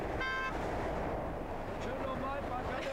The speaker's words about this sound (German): Es ist Sonntag, 12.15 Uhr. Die Vollsperrung der A2 wird aufgehoben. Der Verkehr rollt wieder und die Bauleiterinnen begrüßen die Autofahrer.